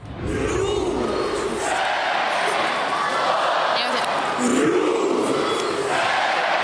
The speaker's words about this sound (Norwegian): Ja, hjemmefansen til Rosenborg, de har nemlig et helt spesielt heierop. I det her heieropet så delte de Rosenborg inn I tre stavelser, altså Rosenborg, som de roper ut mot banen.